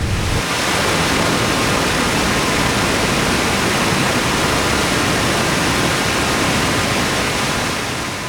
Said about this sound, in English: We're gonna walk to the river. You'll get to see the treated water go into the river.